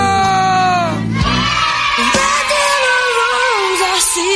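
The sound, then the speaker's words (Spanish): A group of voices shouts and yells together, loud, with overlapping sustained cries that swell and stretch across the whole few seconds like a rowdy crowd hollering. “El grito.”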